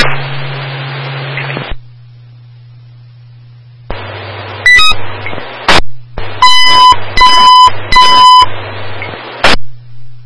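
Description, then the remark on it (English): Fire station dispatch alert test tones for station 8: bursts of radio static and a quick high beep, then three loud, evenly spaced buzzing tone blasts over a steady low hum, ending with a static crack. “Test sounds for station 8.”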